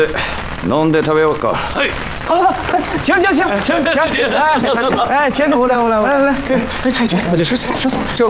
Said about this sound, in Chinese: 哎，太君，哎，不要惊慌，不要惊慌，这是邢队长给老太太祝寿，燃放的鞭炮、烟花。